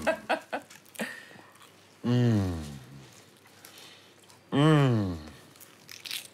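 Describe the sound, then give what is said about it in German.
A few crisp, crackly crunches from biting into a flaky croissant, followed by two long, drawn-out hums of enjoyment from a voice, with quiet pauses between. “Darf ich reinbeißen?”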